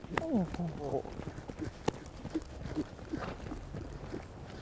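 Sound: horse hooves clip-clopping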